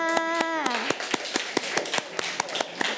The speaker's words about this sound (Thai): ด็กๆปลายทางกับเด็กๆต้นทางปรบมือให้ตัวเองค่ะ